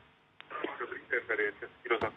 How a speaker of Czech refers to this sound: prosím vás, ale vypněte si tam to rádio, nebo běžte do jiné místnosti. Už to by šlo.